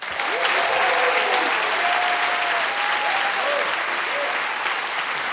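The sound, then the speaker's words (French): Sustained applause from a large concert audience, a dense steady clatter of clapping with faint cheers and whistles rising above it throughout. “Je voudrais vous demander d'applaudir notre chef de cabine qui va s'assurer de votre sécurité à bord pendant tout le concert,”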